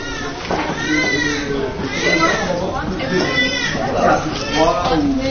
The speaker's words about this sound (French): Mais on entend déjà crier. On va passer devant la nurserie.